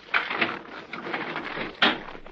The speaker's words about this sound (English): All right, wait a minute. I gotta unlock the door.